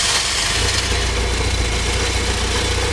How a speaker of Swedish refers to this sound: så har vi 116 ganska trötta, 41 år gamla hästar i en Saab 900i från 1985. En bil som väl inte värderas speciellt högt numera.